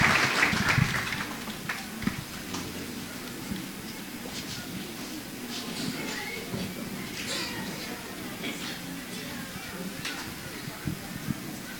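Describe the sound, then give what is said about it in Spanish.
An audience applauds a girl who read the scripture reading well, steadily for about twelve seconds, a dense crackle of many hands clapping at an even, moderate loudness, with faint murmuring voices underneath. “Si quieren, pueden dar un aplauso para esta niña que podía leer muy bien.”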